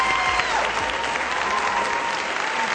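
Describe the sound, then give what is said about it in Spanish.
An audience at Prepa 9 applauds three invited guests, a teacher and two students, a dense wash of many hands clapping at a constant, fairly loud level for a few seconds with no break. “Denles un aplauso totote, por favor.”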